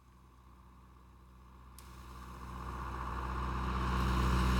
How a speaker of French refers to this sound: Tu crois que c'est lui ? Mais non, c'est un tracteur.